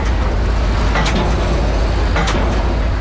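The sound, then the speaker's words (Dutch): A car engine roars at full throttle with the windows open, in a radio advert for Erik van Hoof: a loud, steady low rumble with no pauses, broken by two brief hissing bursts about a second apart. No one speaks. “Elektrisch rijden is hartstikke mooi, maar bij Erik van Hoof mag je de motor nog gewoon horen. Ramen open, volume omhoog en volle gas.”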